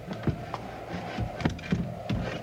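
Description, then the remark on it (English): A heavy wooden bar is worked loose and lifted from a door that has no lock, giving several dull, irregular wooden knocks and faint scraping, with no voices. “There's no lock on it, just a bar. Lift it real easy.”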